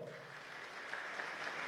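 A crowd applauds with steady, dense clapping that holds an even level throughout, with a few sharper claps standing out near the end. No one speaks.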